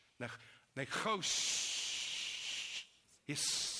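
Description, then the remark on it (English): A man's voice makes a long, steady hissing sound in imitation of a snake, illustrating the Hebrew word nechash, lasting well over a second between short bursts of speech at either end. “Like a snake. That's why some believe that it was, that's the name, because it hissed like.”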